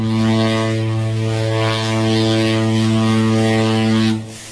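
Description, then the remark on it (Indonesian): A ship's engine roars in a loud, steady low drone with a hissing wash of water churning white at the stern, holding constant for about four seconds before cutting off abruptly. “Saat mesin kapal menderu lebih keras dan air di buritan mulai berbuih putih, perlahan namun pasti jarak membentang.”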